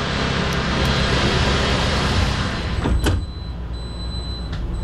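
A big sliding glass door of a futuristic vehicle, like an all-electric delivery truck, on a manufacturing plant floor glides shut with a soft swish and a thud, cutting off the loud, busy shop noise so the inside of the vehicle sounds noticeably quieter, with a faint steady hum.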